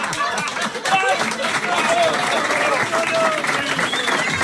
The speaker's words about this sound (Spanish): Mira cómo me aplaude la gente. Sí, es fantástico. Tiene ya su hinchada.